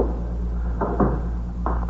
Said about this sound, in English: Shut the door, will you, Fox?